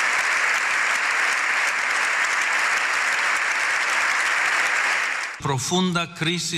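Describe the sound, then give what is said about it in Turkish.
Loud, sustained standing ovation from a large audience in the general assembly of Spain's parliament for Pope Leo XIV, filling about five seconds as a dense, steady clatter of clapping, then cutting off as a voice begins speaking. “7 dakika ayakta alkışlandı.”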